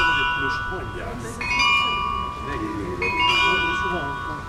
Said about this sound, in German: Genau, das ist das Glockenspiel, mit dem die Besucherinnen und Besucher zur vollen Stunde draußen vor der Tür begrüßt werden. Es wird auf dem Carillon gespielt.